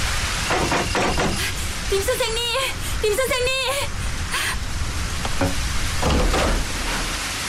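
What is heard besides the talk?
rain falling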